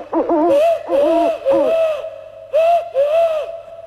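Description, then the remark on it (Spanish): A person imitates an owl with five breathy hoots, three quick ones followed by a pause and two more, each with a rising-falling pitch, loud. “Este es el búho.”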